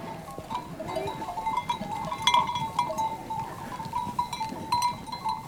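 A herd of goats and sheep on summer mountain pastures bleats continuously as a woman and her dog lead it back toward her hut, overlapping calls rising over a steady murmur of hooves and movement, with faint bell-like tinkles now and then; no one speaks.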